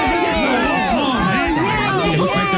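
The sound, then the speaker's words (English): A dense crowd of many voices shouting and calling out at once, steady and loud throughout: spectators cheering at a kids' sports game. “Oh, I love to hear all the cheers from the crowd.”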